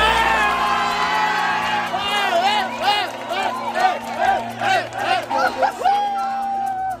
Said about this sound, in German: Die Spanier haben das WM-Finale gegen Argentinien mit 1:0 nach Verlängerung gewonnen. Matchwinner ist Ferran Torres. Der Joker erzielte den entscheidenden Treffer. Nach dem Abpfiff kannte der Jubel in Spanien keine Grenzen mehr.